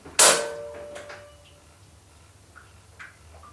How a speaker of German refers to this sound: entriegelte mit der anderen Hand das Schloss.